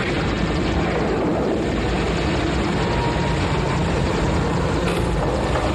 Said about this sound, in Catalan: Helicòpters de l'exèrcit?